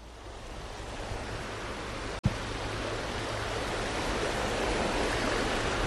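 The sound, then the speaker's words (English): The swift-flowing Klamath River at Happy Camp, California, at the base of steep forested mountains, rushes steadily in a dense, unbroken roar, with one brief click and dropout partway through before the flow continues and swells slightly. “On the swift-flowing Klamath River, at the base of steep, forested mountains, sits Happy Camp, California, a town of just over 1,000 people.”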